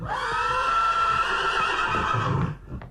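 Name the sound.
horse neighing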